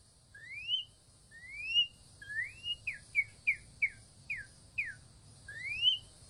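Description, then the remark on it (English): A person whistles an imitation of a northern cardinal's song: clear rising slurred notes, then a quick run of short downward chirps, ending with another rising whistle, heard alone. “He starts out with the Arizona Cardinals. The Northern Cardinals.”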